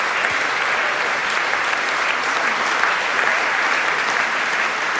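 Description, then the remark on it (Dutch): Sustained, dense applause from a large audience in the Carolus Borromeuskerk in Antwerp, after a Monteverdi concert by Vox Luminis led by Lionel Meunier, with all the singers together on stage; a steady wash of clapping hands that stays loud and even for the whole stretch with no voices standing out. “En nu staat iedereen weer gezamenlijk op het podium om, ja, nog even met z'n allen dat applaus, dat enorme applaus in ontvangst te nemen.”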